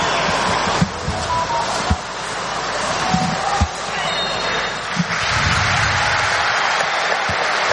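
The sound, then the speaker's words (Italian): A large stadium crowd at the Maradona stadium applauds Napoli, in blue shirts, before their match against Arsenal, in a steady, dense roar of clapping, with occasional low thumps rising out of the wash of noise throughout. “Applausi del Maradona in maglia azzurra, numeri bianchi e pantaloncini bianchi il Napoli.”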